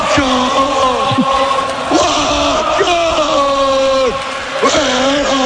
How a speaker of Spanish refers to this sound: Ahí escuchamos a los, el grito de los seguidores del Liverpool